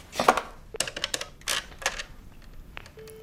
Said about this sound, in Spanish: El hombre que ha entrado se acerca al policía, que escribe a máquina.